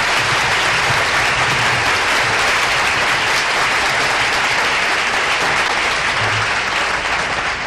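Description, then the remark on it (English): Steady, loud applause from a large audience for an orchestra, a dense wash of clapping that fills the whole clip without pause, sustained with no voices rising above it. “How about a nice round of applause for the most wonderful organization in the nation, … and his fine orchestra.”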